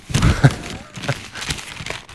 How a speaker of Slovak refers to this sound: To, ak by ste náhodou v živote nepočuli, tak toto je šušťanie novín. Tie noviny sú tak veľké, že keď som ich rozprestrel, tak mám pocit, že mám pred sebou mapu Juhoslávie a cestujeme s rodinou do Chorvátska. Tak obrovské to je.